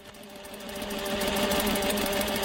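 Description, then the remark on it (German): Several clunky industrial sewing machines, worked by women inmates bent over pieces of fabric, rattle steadily in a workroom of the women's prison in Tochigi: a dense mechanical whirring with rapid repetitive stitching that grows slightly louder, no voices present. “Ihre klobigen industriellen Nähmaschinen rattern in diesem Arbeitsraum im Frauengefängnis von Tochigi.”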